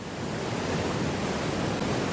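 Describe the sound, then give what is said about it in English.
A steady, full roar of rushing water, like a waterfall, fills the whole stretch without pause, a dense hiss that stays loud and even from start to finish with no voices. “Our first one back as the normal Tuesday Daily, it's National Waterfall Day.”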